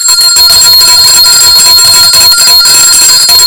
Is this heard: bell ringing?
yes